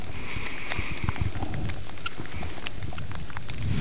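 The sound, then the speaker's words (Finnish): Steady rain at a competition venue, beginning to fall harder, a constant patter with sharp individual drops ticking and tapping on a hard surface over a dense low rumble, holding at a fairly even level throughout. “Sade tuossa hieman ehkä otti vähän vauhtia lisää niin sanotusti, eli kovempi sade alkoi, mutta vieläkin aika maltillista.”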